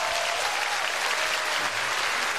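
An audience claps steadily, a dense wash of many hands at a fairly even loudness that holds for a couple of seconds with no voices standing out.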